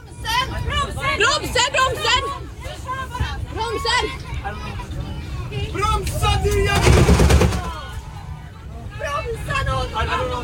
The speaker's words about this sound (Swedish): Det man hör är ju när bussen kör över mitträcket. Chauffören tappar alltså plötsligt medvetandet